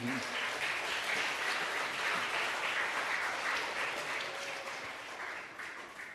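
A room full of people applauding steadily, a dense, even wash of many hands clapping that holds for several seconds and tapers slightly toward the end.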